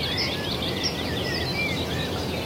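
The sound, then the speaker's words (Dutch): A female cuckoo's rapid, bubbling laugh-like call rises from a busy background of chirping birds, moderately loud and continuous across the whole moment, with no one talking. “Dat lachende geluid, dat kek, kek, kek, kek, kek.”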